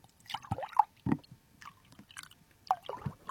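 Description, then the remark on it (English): Liquid, either milk or water, being poured from a vessel into a container right up to the microphone, coming as irregular wet glugs, splashes and dripping plinks rather than a steady stream, fairly quiet overall with no talking. “Oh my God, you're pouring.”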